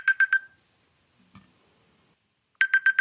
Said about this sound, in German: Das klingt wie so ein klassischer Wecker, ne? Ja, eher klassisch. Aber finde ich persönlich fast eher nerviger als mein Gedudel.